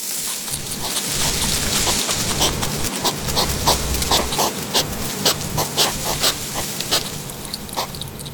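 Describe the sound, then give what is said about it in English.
A hedgehog snuffling: quick, irregular sniffing bursts repeat over a steady, hissy rustle. No voices, just the busy snuffles and scratchy rustling running throughout. “They are very noisy and can often be heard in the garden, snuffling in the undergrowth. They even whistle, squeak and purr.”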